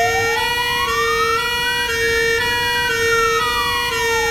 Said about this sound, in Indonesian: Sementara nanti kami tim bomba terdatai ke rumah panjang kita. Tidak lama selepas itu, kedengaran bomba bermunyi punya mimo, mimo, mimo.